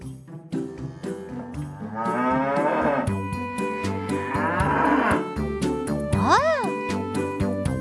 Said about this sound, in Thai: เสียงวัว